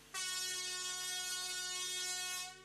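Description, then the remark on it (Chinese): A single long, loud train horn blast holds steady for over two seconds with a rich, harmonic tone, then cuts off abruptly. No voices are heard. One long blast is the most common train horn signal, used as a warning on departure sections. “一声长鸣是最常见的，多用于发车路段警示提醒。”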